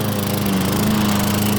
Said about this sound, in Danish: Havemaskiner, der bare holder.